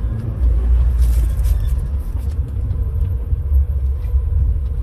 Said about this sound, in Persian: این صفحه پمپ بنزینه سید رضیه، از اون انتقا شروع میشه میاد دور میدون، بعد اینجا حدود سه لاینه میره، از اون پشت دوباره برمیگرده به این سمت. اینا همه ماشینه یه هنگی تو صفن.